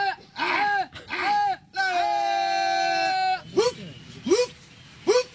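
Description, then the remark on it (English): Men of the Monkey Wallahs group in New Delhi imitate langur monkey calls: two loud, rising-and-falling whooping cries, then a long, steady, high-pitched screeching note, followed by three shorter hoots that swoop up sharply. “And the men imitate the calls of the langurs, which are these, the monkey species in New Delhi, and the natural enemy of the smaller primates.”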